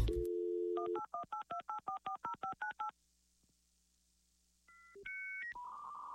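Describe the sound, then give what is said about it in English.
A steady low dial tone gives way to a quick run of about ten touch-tone beeps, then a short silence and a few higher electronic phone tones, all clear. “Not at my phone, so leave a message when you hear the dial tone and leave me alone.”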